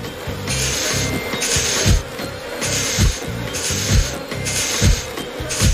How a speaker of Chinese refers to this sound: 我们可以用灰灰的喷烟器让蜜蜂安静。 我要喷喽。